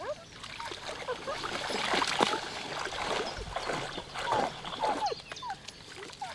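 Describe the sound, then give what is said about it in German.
A dog splashes into cool water in a steady run of sloshing and spraying, fairly loud, with brief whines or voice-like yelps rising over the churning. “Ach nee, auf einmal doch ins Wasser? Das ist aber auch aufregend. Allerdings auch ein bisschen kühl.”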